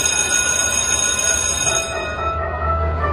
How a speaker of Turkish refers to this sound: Oh, ne güzel çalıyor değil mi? Ya, insanın içine huzur veriyor. Anne babaların bu ara en sevdiği parça okul zili.